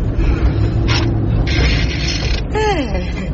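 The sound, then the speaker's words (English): A steady low car engine hum with two bursts of mechanical clicking and grinding as the gear lever is shifted, followed by the engine note sweeping in pitch as the gear engages. “He's got a nice smooth gear change, eh?”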